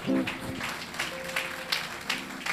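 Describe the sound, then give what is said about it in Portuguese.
A crowd claps steadily in a dense, even patter of applause, welcoming the teenagers at a morning worship gathering, with a few brief sustained tones and murmuring voices mixed in underneath. “Vamos receber os adolescentes com uma salva de palmas bem forte.”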